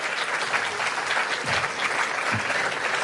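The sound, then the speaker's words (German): Steady audience applause, a dense wash of many hands clapping at an even, sustained loudness throughout, with no voices standing out. “Ja, war auch nicht schlecht, auch der Beifall.”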